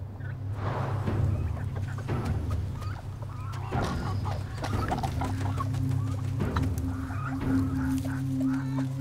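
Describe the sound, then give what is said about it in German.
Several chickens cluck and murmur in a steady, busy chatter on a property on a sunny afternoon in mid-March, with occasional sharper calls standing out over a constant low hum in the background. “Armes Huhn. Du armes Huhn.”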